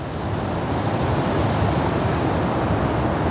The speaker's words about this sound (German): Es wurde ganz still. Man hörte nur den Wind.